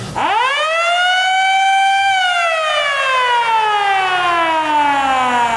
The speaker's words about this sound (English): are you familiar with that sound? I am. That is an air raid siren.